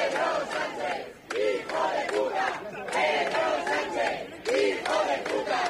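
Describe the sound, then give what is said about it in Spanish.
A large crowd at a protest rally at Cibeles in Madrid, held against Pedro Sánchez's handling of the Ceuta migration crisis, chants slogans such as "invasores, expulsión" in unison during Mayor Almeida's speech, loud rhythmic shouted phrases repeating every second or so with brief gaps, voices overlapping in a dense roar. “Y a pesar también de gritos como este invasores expulsión que corearon los asistentes en varios momentos aquí durante la intervención del alcalde Almeida.”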